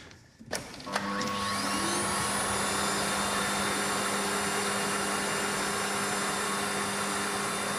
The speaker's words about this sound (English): It seems vaguely familiar. Could it be vacuum cleaners? 100% right.